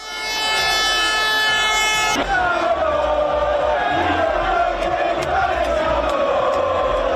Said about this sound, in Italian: Circa 400.000 tifosi hanno accompagnato nella notte per le vie di Milano la sfilata del pullman dei giocatori in festa.